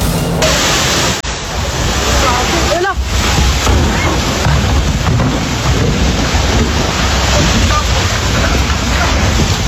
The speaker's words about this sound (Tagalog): ang nagundong ng mga bato nang gumuho ang bahagi ng bundok hanggang tuluyang matakpan ng makapal na alikabok ang lente ng kanyang camera.